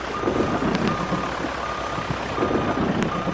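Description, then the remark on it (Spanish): Yellow heavy machinery of the Meta governorate in Colombia, working during the rainy season to attend emergencies, sounds its reversing alarm, a steady high beep tone repeating over a constant rumbling engine and broad mechanical noise, with a couple of sharp clanks. “La maquinaria amarilla de la gobernación del Meta trabaja las 24 horas del día para atender emergencias y proteger a las comunidades durante esta temporada de lluvias.”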